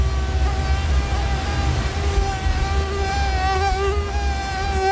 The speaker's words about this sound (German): Die Mücken kommen.